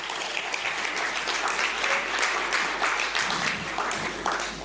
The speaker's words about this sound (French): Merci l'équipe, encore bravo. On peut les applaudir.